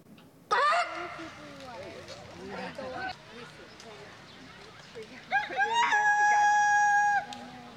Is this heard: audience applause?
no